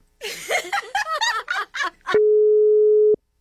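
A brief burst of voice or laughter-like sounds, then a single loud, steady phone call tone rings out alone, unanswered, for about a second and cuts off.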